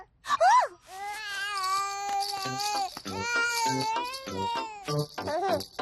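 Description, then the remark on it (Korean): Baby Evie in Peppa Pig cries while being weighed, uncomfortable on the hard surface, in loud, drawn-out wails with wavering pitch, broken by short gasping breaths between sobs, sustained throughout. “딱딱하고 불편해서 우나 보네요.”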